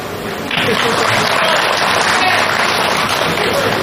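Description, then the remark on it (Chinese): After a brief quieter moment, an audience bursts into applause during a comedy guessing game, clapping as asked when a guess is right: a dense, steady wash of many hands clapping that holds at an even, fairly loud level throughout, with no voices on top. “为我鼓一鼓掌，就证明我找对了。”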